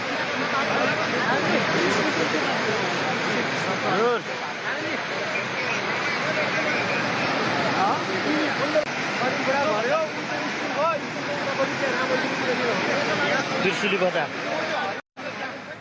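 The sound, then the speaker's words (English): Floodwater rushes through streets and buildings in Nepal's Trishuli area in a loud, steady, continuous roar, while many people talk and call out over it, with a brief cut near the end. “Meanwhile, Nepal's Trishuli area is completely inundated with flood water sweeping through streets and buildings.”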